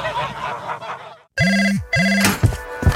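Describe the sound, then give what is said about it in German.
A telephone rings twice in clear, loud electronic bursts with steady harmonic tones, following a stretch of busy background noise and a brief silence, then a few sharp thumps. “Ein Anruf, ein neuer Auftrag und schon geht's los.”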